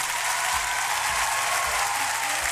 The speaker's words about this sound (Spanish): Ahí están, pues les damos un aplauso a ustedes que están escuchando, dijo el amigo.